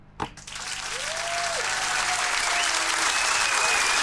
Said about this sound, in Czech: Tak to je taková novinka, my budeme tleskat těm finalistům.